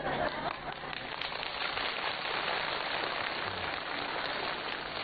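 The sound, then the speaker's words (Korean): An audience claps steadily, a dense, crackling wash of many hands that stays loud and even for the whole stretch, with no voices over it. “박수 치는 게 중요한 게 아닌데 난 빨리 때밀히 해야 돈 버는데.”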